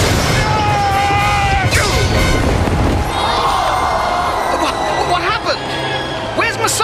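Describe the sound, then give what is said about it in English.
A loud, chaotic crash of wood and clattering debris as Messala's chariot hits the turning post during a chariot race and he is flung across the turn, amid a roaring crowd, with thuds and rumbling continuing as the cheering and shouting swell throughout. “His chariot hit the turning post. He's been flung across the turn and into the path of the Jews' chariot.”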